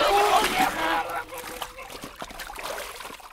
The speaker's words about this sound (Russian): Крик его прервался на полуслове. Бабы, державшие его за ноги, отпустили их, и он окунулся в воду. Баб обдало холодными брызгами.